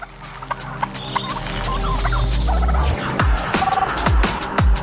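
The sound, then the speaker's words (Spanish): Australian brush turkey calls: a flurry of sharp, clicking clucks over a low rumble, then several loud, deep downward-swooping grunts near the end, with no one speaking. “Cuando se sienten amenazados, los pavos de matorral prefieren huir, pero cuando los depredadores buscan los huevos de sus montículos, atacan.”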